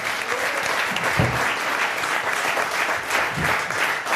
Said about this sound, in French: On peut déjà applaudir toute l'équipe du Bicubic et l'équipe qui nous a fait à manger, parce que c'est très bon depuis le début de la semaine.